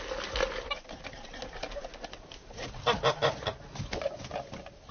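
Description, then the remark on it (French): A flock of 20 farm geese raised for force-feeding honks repeatedly and irregularly, harsh nasal calls overlapping and growing louder toward the middle before continuing in scattered bursts. “Est-ce que les oies sont plus difficiles à gaver que les canards?”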